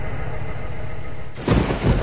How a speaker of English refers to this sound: It's pouring rain. It's real dark outside.